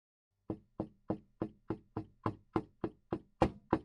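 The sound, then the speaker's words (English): A steady series of about eleven sharp knocks on a wooden door, evenly spaced and fairly loud, with a hollow thud to each rap and no voices. “Someone is knocking on my door.”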